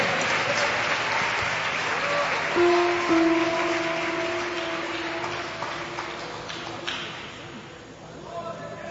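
An audience claps loudly and steadily in a dense, continuous wash of applause, with a sustained tonal hum from music or a held note running beneath it, tapering slightly toward the end.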